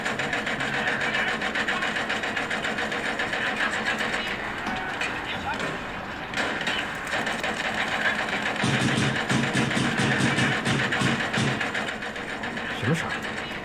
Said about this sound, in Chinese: 哪装修啊？ 好像是你办公室传出来的。